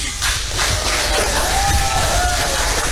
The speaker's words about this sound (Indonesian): Ini mentang-mentang masanya paling banyak nih, tepuk tangan terus ya adik-adik ini ya.